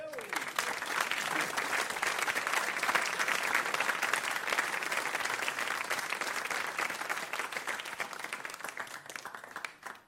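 Sustained audience applause at a concert, in thanks to friends who provided a playable instrument, dense and steady for about ten seconds, a large crowd clapping before it tapers off at the very end.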